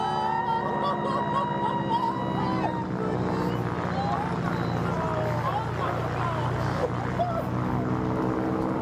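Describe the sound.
A propeller plane engine drones steadily and loudly throughout, its low rumbling hum holding a constant pitch, with indistinct voices faintly audible beneath the noise; the plane is used for an acrobatic wing walk by an 82-year-old woman.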